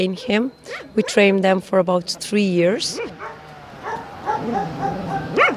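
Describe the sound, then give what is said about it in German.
A truffle dog in Istria barks in a quick run of sharp, high barks and yips over the first few seconds, then settles into softer whimpering noises. “Dafür braucht man einen Hund und wir trainieren unsere Trüffelhunde 3 Jahre lang.”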